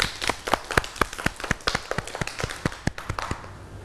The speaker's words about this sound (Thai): เด็กๆเก่งมากเลยค่ะปรบมือให้ตัวเองด้วยค่ะ